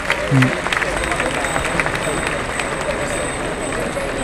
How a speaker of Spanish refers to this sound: Y hay palmas para Maripaz Vega, que ha tenido en este toro un enemigo, sin duda.